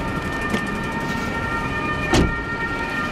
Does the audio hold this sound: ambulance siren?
yes